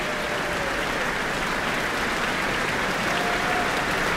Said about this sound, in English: Cheers and applause from the Auckland Town Hall, the guest conductor, Karl-Heinz Steffens, and the Auckland Philharmonia.